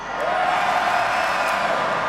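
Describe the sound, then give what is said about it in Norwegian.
A large crowd at the Bislett Games athletics meet in Oslo gives a 'Bislett roar', cheering continuously, a dense, loud wash of voices with scattered higher whoops rising above it, sustained without a break for the whole stretch. “Kan jeg få høre et skikkelig Bislett-brøl?”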